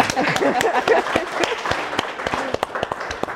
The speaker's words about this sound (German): Aber erstmal hier dein Applaus